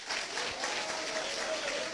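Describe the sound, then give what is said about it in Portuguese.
Steady, dense clapping from many people at a church service, applauding for Jesus, fills the space, a continuous bright patter with no clear individual claps, sustained at an even level throughout. “Palmas para Jesus, irmãos.”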